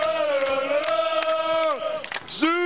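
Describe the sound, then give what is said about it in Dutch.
Quick Boys football supporters in the stands at Werkendam chant "Super Quick Boys" after their team scores, a loud, sustained sung line, their massed voices holding one tone before dipping and rising again near the end. “En je hoort nu ook het Super Quick Boys.”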